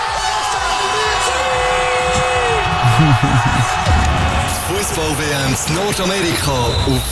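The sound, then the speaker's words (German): A large crowd roars and cheers after Spain beat Argentina 1-0 in extra time in the football World Cup final, a steady wall of noise with shouts and whoops rising out of it, growing louder midway and continuing to the end. “Ja, der Jubel, der ist wunderschön.”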